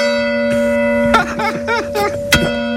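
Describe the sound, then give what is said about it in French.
Village church bells ring steadily, their deep humming tones lingering throughout while fresh strikes chime in every second or so, fairly loud. “Les cloches de l'église.”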